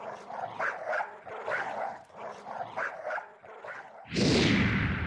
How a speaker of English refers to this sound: Somehow, the dogs could see me, or sense me. Every step I took, the dogs got more savage. I couldn't go anywhere.